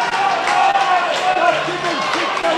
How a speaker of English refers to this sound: Crowd urging them to wake up.